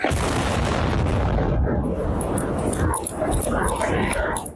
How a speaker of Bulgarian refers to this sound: Според румънски медии, преди да се взриви, дронът е заседнал в пречиствателно съоръжение близо до нефтения терминал на пристанището. В момента на експлозията в района се намираше телевизионен екип за репортаж на живо.